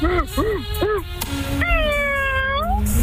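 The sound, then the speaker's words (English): A cat meows, three short arched meows in quick succession followed by a longer, drawn-out meow that rises at the end, loud and clear against a low background hum. “Was that a meow? I think that was a meow.”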